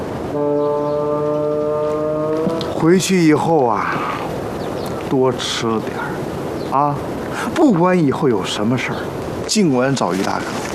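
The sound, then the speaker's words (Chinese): A donkey brays loudly: a long droning note, then several harsh see-sawing hee-haw cries repeating every couple of seconds. “行了，驴都不高兴了，是不是啊？”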